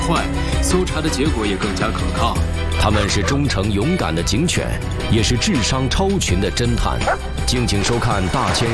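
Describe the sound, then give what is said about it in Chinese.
A police dog barks repeatedly in sharp bursts over a dense, steady background, with voices talking underneath throughout. “他们是忠诚勇敢的警犬，也是智商超群的侦探。”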